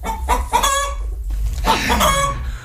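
Several hens cluck and squawk in short, harmonic bursts, with a brief pause in the middle, fairly loud over a low rumbling background. No one speaks.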